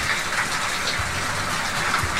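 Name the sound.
heavy rain falling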